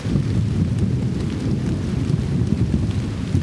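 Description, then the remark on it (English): A thunderstorm in the desert with a deep, continuous rumble of thunder rolling under steady rain, fairly loud and unbroken throughout, with no voices. “Nothing sounds, well, maybe some things, but thunderstorms in the desert usually sound pretty good.”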